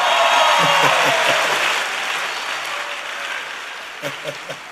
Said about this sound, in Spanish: Bueno, déjenme un aplauso.